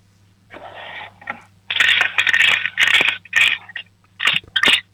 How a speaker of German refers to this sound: Dann laufst du jetzt mal in dein Zimmer und holst dir eine Spartbüchse, weil wir würden gerne wissen, wie viel du schon gespart hast. Schüttel sie mal für uns.